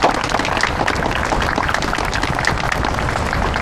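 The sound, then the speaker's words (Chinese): Sustained audience applause inviting a foreign couple up for a couples' game challenge, a dense wash of many hands clapping steadily at an even loudness for several seconds, with no voices standing out. “来，我们掌声有请他们。”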